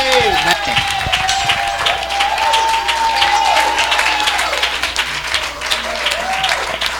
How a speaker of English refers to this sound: Let us receive him by an applause. Let's give him a standing ovation.